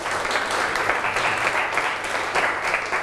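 A class of students claps together for a classmate at a teacher's request, in steady, dense applause, a continuous crackle of many hands lasting about three seconds at an even, moderately loud level, with no voices over it.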